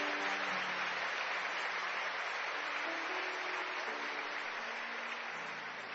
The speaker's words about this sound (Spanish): Si quieres, aplaude al Señor que está en este lugar.